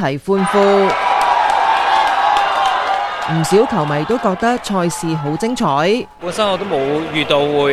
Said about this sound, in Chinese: 全场唯一入球嘅一刻，球迷一齐欢呼。